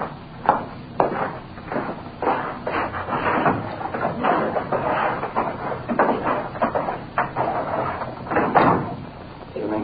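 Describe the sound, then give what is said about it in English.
A door is shut with a few sharp wooden knocks and bangs, set against a steady murmur of voices and shuffling that fills the whole stretch. “That door, sir, for a minute, please.”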